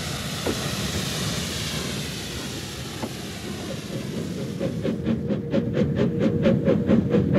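A train carriage rumbles steadily and loudly along the rails as it approaches Euralla Station, then settles into a rapid, regular clatter of wheels over rail joints toward the end. No voices.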